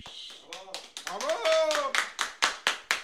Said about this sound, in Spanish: Hay invitados. Hemos invitado a público. Un aplauso. Un aplauso.